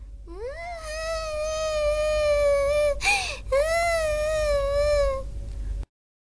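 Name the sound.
kitten meowing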